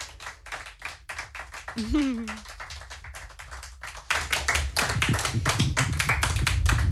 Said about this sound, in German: Ein Riesenapplaus für dich. Danke. Den Applaus vor dem Fernsehapparaten, den kriegen wir ja hier nicht mit. Ich möchte mich bei dir bedanken für dieses wunderschöne Konzert hier im Kiel FM, Kiel TV Studio.